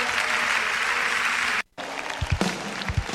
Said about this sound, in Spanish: darle el mejor de los aplausos. Él está en este lugar. Aleluya.